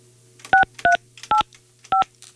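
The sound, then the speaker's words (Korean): Four short dual-tone telephone keypad beeps as a Far East Broadcasting radio presenter dials a listener, evenly paced with brief gaps, clear and fairly loud over a low steady hum, with no one speaking. “자, 다른 분한테 전화하고 있었는데 제 수화기를 들고 네.”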